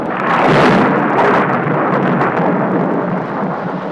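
A loud, steady roar of heavy rain mixed with hail pours down throughout, in a sudden afternoon storm by a large banyan tree in the Genzi area of Gaozhou, with a few rumbling thunder-like surges early on, enveloping, and no voices.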